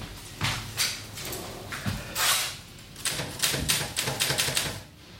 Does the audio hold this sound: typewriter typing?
yes